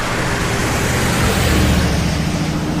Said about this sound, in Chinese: 这么2辆发出巨大轰鸣、跑得比马车还快的车子，在上海滩的十里洋场招摇过市，那个拉风劲儿就甭提了，人们也是竞相出来围观呀。